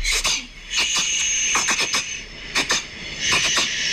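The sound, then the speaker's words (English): A cat reverse sneezing: a rapid run of wheezy, snorting inhalations with a high squeaky edge, repeating in uneven bursts, fairly loud, with no talking. “apparently it's reverse sneezing”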